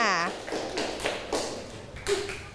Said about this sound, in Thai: หากใครมีปัญหานะลูกให้เคาะอะไรเอ่ยให้เคาะกระดิ่งนะคะแล้วคุณปู่ก็จะมาดูแลนั่นเอง